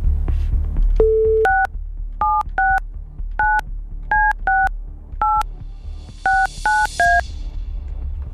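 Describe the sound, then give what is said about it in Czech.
A telephone being dialed by Rádio Blaník hosts calling a listener's number: a brief steady tone, then about a dozen crisp touch-tone beeps in an uneven rhythm, clear over faint background noise, with no one speaking. “Respektive na tom, komu teď zvoní telefon a volá mu Blaník.”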